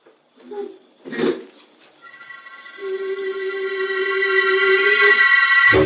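A few soft metallic clunks of a lock turning as Aunt Olivia unlocks the door, followed by a long, steady, drawn-out creak as the door swings slowly open, growing slightly louder toward the end.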